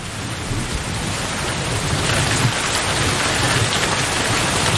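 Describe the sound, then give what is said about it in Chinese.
Steady, heavy rainy-season rain in May 2021 pours down in a dense, even hiss, with a low rumbling undertone that swells slightly after the first second and holds constant. No voices are heard. “时间来到了2021年5月，雨季来临，草木疯长”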